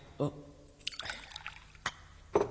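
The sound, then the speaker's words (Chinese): Wine is poured into a cup in a short splashing stream of about half a second, framed by a few quiet knocks and taps before and after. The wine is poured for a guest as a toast. “嚟，孙大哥，小弟敬你一杯，你饮啦。”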